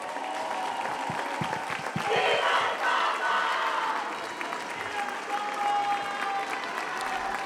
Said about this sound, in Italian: Ecco, riprendiamo la linea restando su queste immagini con l'urlo della piazza Viva il Papa. Sottolineiamo anche l'applauso, abbastanza irrituale durante un Angelus, nel momento in cui ha lanciato l'appello Papa Leone affinché cessino le violenze